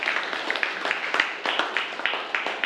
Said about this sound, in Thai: ดีมากเลยครับปรบมือเลยครับนักเรียน